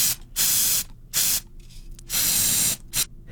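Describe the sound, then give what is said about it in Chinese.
Several bursts of aerosol spray paint hissing from a can, three longer blasts and a short one, fairly loud, separated by brief pauses with faint rattling. “喷雾器也是对啦，但是有人就更精确啊，就精准的猜到是喷漆。”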